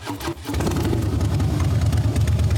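motorcycle engine running

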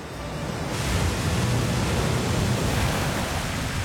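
rushing waterfall

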